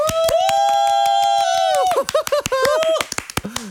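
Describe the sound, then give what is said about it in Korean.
Audience applause of brisk, steady claps runs throughout, mixed with a long, loud sustained vocal cry that breaks into short bouncing whoops before the clapping fades. “박수 한번.”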